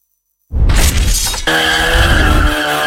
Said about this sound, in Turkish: Denizli'de mahalle sakinleri gece saatlerinde drift yapılmasından şikayetçi. İddiaların adresi Merkez Efendi ilçesi Sümer mahallesindeki 3. sanayi sitesi çevresi.